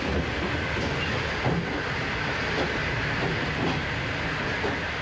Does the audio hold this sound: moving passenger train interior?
yes